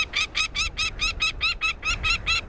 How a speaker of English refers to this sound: Northern nesting species of falcons, like this peregrine we're hearing, move southward, closer to their many admiring observers.